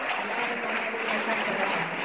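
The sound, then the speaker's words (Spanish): An audience applauds for the Lord Jesus Christ after a healing testimony, a dense, steady wash of clapping that holds at an even, fairly loud level for about two seconds without a voice over it. “Aplauso para el Señor Jesucristo.”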